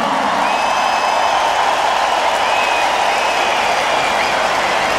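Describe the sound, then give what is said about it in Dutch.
A crowd applauds the drummer, Martijn Bosman, clapping steadily and densely for several seconds, a broad even wash of applause with a few faint whistles and whoops rising above it. “Mag ik een groot applaus voor de man op de drums, Martijn Bosman.”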